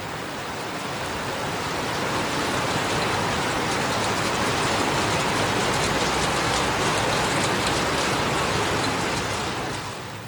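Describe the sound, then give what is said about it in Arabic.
Heavy rain with active winds pours steadily onto the tents of displaced families in Gaza City and the northern Gaza Strip, a dense, continuous hiss with pattering drops, holding constant throughout with no voices. “وأدت الرياح والأمطار إلى غرق وتضرر عشرات الخيام التي تفتقر إلى أدنى مقومات الحماية التي لا تمنع تسرب مياه الأمطار إلى داخلها.”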